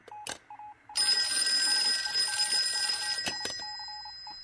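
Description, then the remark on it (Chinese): An old-fashioned telephone bell rings loudly for about two seconds, a sustained metallic jangle, bracketed by short clicks and a few faint beeping tones before and after; it is a call from the military governor for the bureau chief. “局长，督办电话，”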